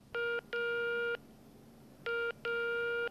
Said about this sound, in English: So, one day she picked up the phone and dialed 12345.